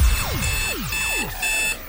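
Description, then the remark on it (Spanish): An electronic alarm clock keeps sounding, its shrill tone sweeping downward again and again in quick, steady repetitions at a constant, fairly loud level, with no voices. “Que alguien pare esa alarma y ponga musicón.”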